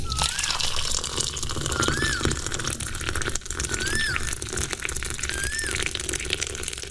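Thick juice is poured steadily into a tumbler, a continuous close-up gurgling splash lasting several seconds, with a few short bird chirps in the background.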